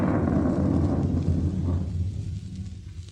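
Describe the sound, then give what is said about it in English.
A deep, rolling rumble of thunder from a storm, loud and low-pitched, churning steadily for a few seconds before easing off slightly toward the end. No one speaks. “I don't like storms.”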